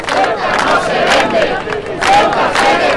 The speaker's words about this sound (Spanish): Escuchaban los gritos de la de Logroño, que fue multitudinaria en el ayuntamiento. Los servicios municipales cifran en 19.000 los asistentes y la Policía Nacional lo hace en unos 12.000.